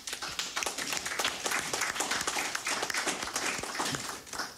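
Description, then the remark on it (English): A crowd applauds steadily in appreciation of the Royal St. Lucia Police Vulnerable Person Unit officers, many hands clapping in a dense, continuous patter at a fairly even volume, with no voices over it, tapering slightly at the very end. “Ladies and gentlemen, let us show our appreciation to them.”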